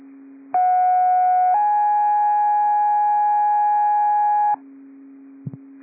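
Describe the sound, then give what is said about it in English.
Loud, steady two-tone fire dispatch radio paging test signal for Big Lake Fire: a short first tone around a second long, then a longer second tone for about three seconds, over a low hum, followed by two faint clicks. “Big Lake Fire, this is a test and a test only. Big Lake Fire, these are test tones.”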